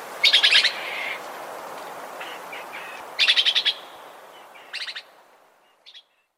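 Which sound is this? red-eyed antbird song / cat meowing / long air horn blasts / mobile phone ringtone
red-eyed antbird song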